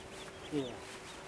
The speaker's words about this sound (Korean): 갯벌 인근의 한 공사 현장. 중장비가 오가는 이곳에 새들이 모여듭니다. 아, 새소리가 들리네요.